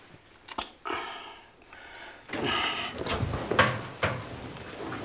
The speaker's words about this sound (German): Sag mal, warum hast du die Tür zugemacht?